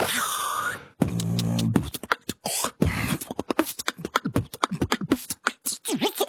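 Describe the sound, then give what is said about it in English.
An Australian beatboxer demonstrating vocal percussion at ABC Hobart in Tasmania during the Festival of Voices: an opening whistly swept tone, a low buzzing bass note, then a fast run of sharp, punchy clicks, snare-like hisses and kick bursts in a steady groove. “Aussie beatboxer … was recently visiting Tasmania for the Festival of Voices, and he sat down with the ABC Hobart's presenter”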